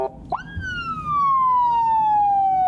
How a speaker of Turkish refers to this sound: Polis aracıyla yola çıkan Oğuz Kağan heyecanlıydı. Elinde siren kumandası vardı.